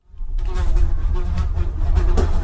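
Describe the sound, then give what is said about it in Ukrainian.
A fly buzzes steadily, its droning hum rising and wavering slightly as it moves around for a couple of seconds, with no talking. “Тягнули вони, тягнуть, аж надлітає докучлива муха, сідає собі поважно на ріг одного вола і їде з ним помаленьку.”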